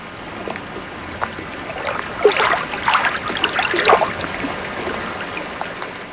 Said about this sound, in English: But for now, enjoy this generic sample of lapping water sounds.